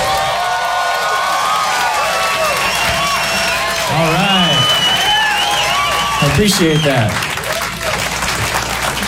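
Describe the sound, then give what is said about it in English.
Loud, steady audience applause at a comedy show as comedian Dimitri Martin comes to the stage, with scattered cheers and whoops rising over it while a man speaks briefly on top of the clapping. “Thanks for clapping.”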